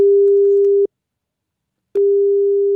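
A telephone ringing tone on a call placed by the SR3 Saarlandwelle radio station: a steady, pure electronic beep sounds for almost a second, cuts to silence, then starts again, clear with no voices.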